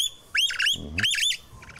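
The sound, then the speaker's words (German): Excited baby birds, hearing their mother's cries for the first time, squawk in two harsh, raspy bursts with a deeper, throatier call between them, followed by fainter chirping at the end. “Mann, die Babys haben das erste Mal mit ihrer Mama hören natürlich das Geschrei und sind natürlich dementsprechend auch aufgeregt.”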